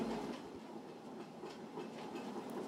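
The machinery of a historic grain mill, powered by water alone and opened to visitors for Germany's national Mill Day, runs with a steady, dense rumble and a rhythmic rattling clatter of turning gears and belts, holding a constant loudness throughout with no voices.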